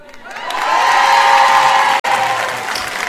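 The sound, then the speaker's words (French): The women in an audience clap and cheer loudly in sustained, dense applause with scattered shouts, briefly cut by a sharp click near the end before the clapping continues at a slightly lower level. “Les hommes ne sont pas tout à fait d'accord. Ils n'ont pas applaudi.”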